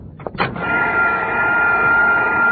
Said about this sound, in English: take that vacuum cleaner off the table. You're sucking up the sauerkraut.